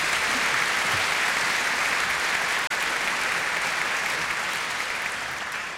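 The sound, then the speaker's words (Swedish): Steady, dense applause from a crowd, applauding that International Jazz Day is a UNESCO-listed event, fills the whole stretch, a continuous wash of clapping that stays loud and even, with only a brief dropout near the middle. “Och har man inte lust, ja precis, det kan man applådera.”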